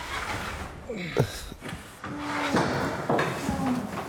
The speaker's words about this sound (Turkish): Hazırız değil mi? Evet. Kapıyı açıyorum.